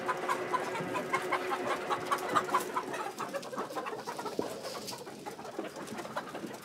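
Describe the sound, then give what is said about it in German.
Several chickens cluck and murmur continuously, a busy overlapping chatter of short calls with a few louder squawks, set against a faint outdoor background with no talking, as the hens are let out onto a fresh meadow for the first time. “Jetzt dürfen die Hühner zum ersten Mal auf die frische Wiese.”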